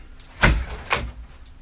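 A fridge door is pulled open: a sharp, broad thump followed half a second later by a second softer knock, with faint background hum and no voices.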